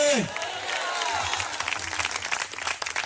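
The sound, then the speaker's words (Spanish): A church audience applauds for Christ in a dense, steady wash of clapping that holds at an even, fairly loud level, with a brief falling tone at the start and murmured voices mixed underneath. “Y si ese aplauso es para Cristo, hágalo con todo el corazón.”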